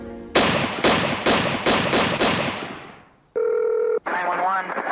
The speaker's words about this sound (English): Six gunshots fired in rapid succession shattered the early morning calm of Rockford, Illinois.